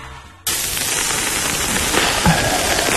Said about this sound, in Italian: Il rumore del fuoco, barbecue. Oh, sì, meno sì, barbecue.